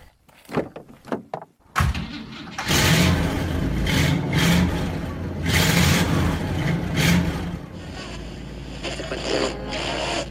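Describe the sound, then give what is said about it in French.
A few sharp door clunks, then a big Chevrolet car engine turns over and roars to life, revving loudly in surging waves before settling into a steady rumble. No one speaks. “Voilà, allez, on est en route avec notre grosse voiture.”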